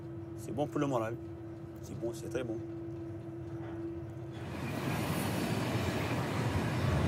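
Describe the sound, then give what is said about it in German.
A train rolls along the rails with a steady rumbling drone and a constant low hum, voices murmuring over it at first before the rushing noise swells louder and fills the second half. “Auch im Passagierwaggon ganz hinten am Zug geht es gemächlich zu.”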